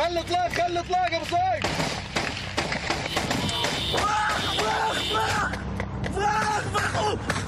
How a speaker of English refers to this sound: You could still hear gunshots outside, people speaking in Arabic, chaos.